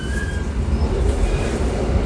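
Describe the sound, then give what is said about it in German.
An older train rumbles and rattles steadily along the tracks as it pulls out, heard from inside a carriage, with a dense low-end roar and faint high squeals of wheels on rails. No one speaks. “das ist ein bisschen ältere Zug und der rüttelt noch ein bisschen.”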